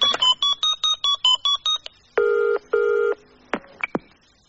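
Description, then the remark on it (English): A quick run of about eight electronic dialing tones as Camilla phones Diana, then two long, steady ring tones from the phone line, followed by a few short clicks and a falling pitch sweep as the call reaches Diana's answer machine. “Phone her up, I dare you.”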